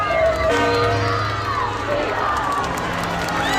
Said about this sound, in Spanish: Con cánticos y gritos de Viva el Papa, 130.000 personas, según datos de la delegación del Gobierno, se han acercado a ver el recorrido entre el Palacio Real y la Plaza de Colón.